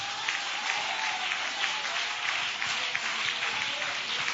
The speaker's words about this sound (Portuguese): quando Davi resolveu obedecer a ordenância do Senhor, aleluia, oh glória, bate palmas da glória.